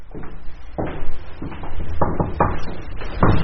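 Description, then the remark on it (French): A heavy carriage door is pushed open, with a series of dull wooden knocks and creaking thuds in an uneven rhythm and no voices. “Alors l'envie nous a pris d'aller voir des balcons, de pousser les portes cochères.”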